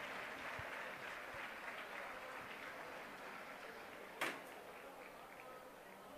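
Club Deportivo Leganés fans give an ovation on seeing Álvaro Morata in his new shirt with the number 21: a steady wash of applause, dense and even throughout at moderate volume, with one sharp knock or clap standing out partway through.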